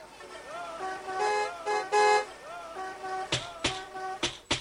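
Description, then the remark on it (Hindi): A car horn honks in a few short, steady blasts as a car arrives from the Lat Sahab's residence, mixed with voices. Several sharp clattering knocks follow toward the end. “अम्मी जान, लाट साहब के यहाँ से गाड़ी आई है।”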